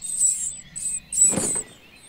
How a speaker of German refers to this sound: Aus dem Inneren des Briefkastens ist leises Piepsen zu hören, das plötzlich ganz laut wird, wenn die Meisenmama mit einer Raupe im Schnabel angeflogen kommt.